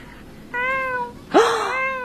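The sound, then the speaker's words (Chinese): A person imitates a little kitten with two soft, high meows in quick succession, the second rising then falling, fairly clear with no talking. “没有，就是我自己，我很喜欢猫咪，然后我现在慢慢可以学着猫咪那种软绵绵的声音叫出来。”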